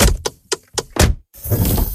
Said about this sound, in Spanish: Así suena la Volkswagen Caddy Hybrid.